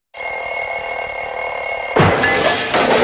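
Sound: alarm clock ringing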